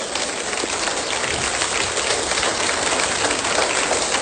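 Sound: audience applause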